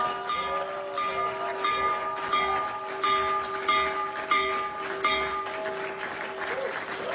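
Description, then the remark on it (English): The New York Stock Exchange opening bell, rung remotely by the US president from the Oval Office, rings steadily with rapid repeated strikes for several seconds, its sustained tone riding over a noisy crowd clapping and cheering. “One, he rung the opening bell for the New York Stock Exchange from the Oval Office.”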